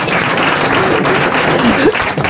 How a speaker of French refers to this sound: Ça applaudit, ça, hein.